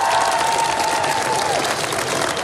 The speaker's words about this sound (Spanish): Starmer se fue entre aplausos, dirección el Palacio de Buckingham, según el ritual muy definido del traspaso de poderes en el Reino Unido, fue a presentar su renuncia formal al rey en una audiencia privada.